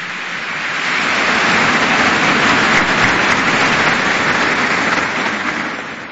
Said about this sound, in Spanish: Muchísimas gracias a cada uno de ellos. Un fuerte y caluroso aplauso.